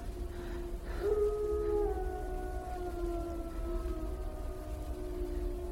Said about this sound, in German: Wölfe. Mischlinge. Das ist nicht gut. Das ist überhaupt nicht gut.